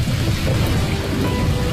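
A steady, dense wash of rain with a deep rumble of thunder rolling underneath, loud and continuous throughout, with no voices.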